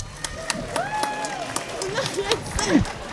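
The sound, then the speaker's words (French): An audience claps for a band's bass player in a steady, evenly spaced rhythm over a broad crowd hiss, while a voice introducing the band talks loudly on top throughout. “S'il vous plaît, on applaudit.”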